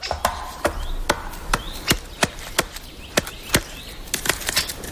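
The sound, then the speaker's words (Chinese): Irregular series of sharp, woody taps of a woodpecker chipping at bark, about a dozen strikes spaced unevenly, in a spruce forest infested by bark beetles, over a soft outdoor background with faint bird calls. “当成群的小蠹及幼虫席卷大片森林，这也意味着啄木鸟与其他食虫动物有了充足的食物来源。”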